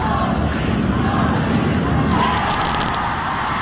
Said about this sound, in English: This is a recording from 12 stories up on the streets of Manhattan when the final buzzer went off and the Knicks won their first title in 53 years. I love this sound. I love the happiness involved in it. I want to play it for you.